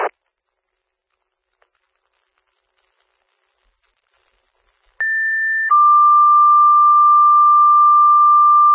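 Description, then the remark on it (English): Fire dispatch alert tones ring out loud and clear, calling Engine 141 and ambulance 262 to respond to a fire alarm on County Highway A: a steady higher pitch held for under a second, then a long, sustained lower tone, after a brief click and several seconds of silence. “Engine 141, ambulance 262, and airborne tone alert. Respond to fire alarm.”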